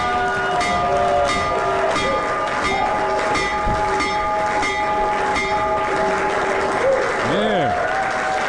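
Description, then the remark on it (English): A bell rings continuously for several seconds, its steady metallic tone running beneath loud applause and cheering from a crowd. “First of all, ring the bell.”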